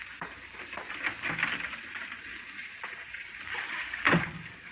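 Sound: running water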